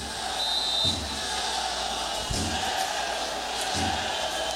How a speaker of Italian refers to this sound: Quello che adesso stanno dicendo i tifosi del Bangladesh all'arbitro è in italiano, però l'abbiamo capito bene e non era una parola gentile.